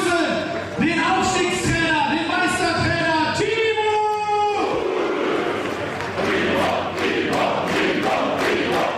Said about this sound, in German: Draußen bei den euphorisch gestimmten Fans entfachte dann doch einer den größten Jubel beim gemeinsamen Feiern.